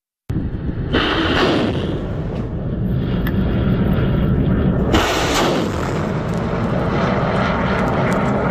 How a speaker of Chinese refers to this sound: 演练场的另一端，侦察无人机迅速升空，对目标区域展开凌空侦察。